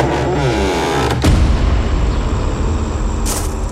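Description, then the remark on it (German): A car engine starts up with a sudden loud burst, then rumbles and revs deeply as the vehicle pulls away, with no voices. “Ach so, der Wagen wurde mir vom Orden besorgt.”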